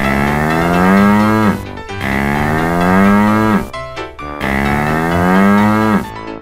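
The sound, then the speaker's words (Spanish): A cow moos three times in a row, each call long and loud, with a rich droning tone that slowly slides downward before breaking off. “Cow.”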